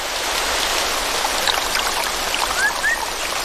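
A steady, full hiss of rushing, rising rainforest stream water mixed with rainfall, unbroken throughout, with two faint rising chirps near the end.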